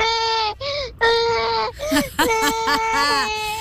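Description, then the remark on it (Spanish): A child's voice mimics a baby crying, with a few drawn-out, wavering wails followed by shorter, bleating sobs, loud throughout. “Este es mi bebé llorando.”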